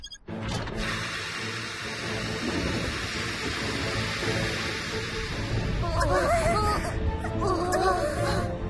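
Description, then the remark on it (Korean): A steady, dense roar of heavy rain like a downpour in a storm under huge dark clouds, continuous throughout with no distinct thunderclaps, and brief wavering vocal sounds rising over it near the end. “먹구름이 너무 커져서 번개가 어디에서 칠지 모르겠어.”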